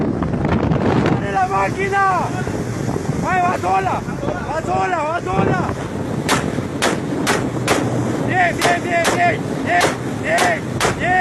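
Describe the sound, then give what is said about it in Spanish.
A speedboat roars across open water during a boat chase against drug trafficking off the coast of Colombia, with heavy wind buffeting the microphone; men shout urgently over the engine, then a rapid string of sharp gunshots cracks out. “En las costas de Colombia, una persecución en lancha resultó un golpe muy, pero muy bajo al narcotráfico.”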